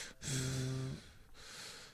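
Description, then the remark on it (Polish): An animal named Enki, waiting in the background, snorts and pants: a wheezy, slightly whining exhale followed by a second breathy huff, with no one talking. “A tam Enki taki czasem biedny dobrze, czeka w tle i tak zaraz będzie sapanie słychać takie”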